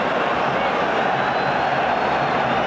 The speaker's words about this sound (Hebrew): ועוד הצלה גדולה של קורטואה, ועכשיו הכדור יוצא לקרן, ותשמע את הקהל, הוא משתגע, זה החוק, לא יעזור כלום